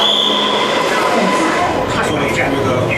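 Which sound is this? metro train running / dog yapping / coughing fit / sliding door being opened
metro train running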